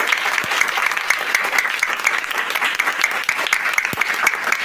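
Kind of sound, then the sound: crowd, round of applause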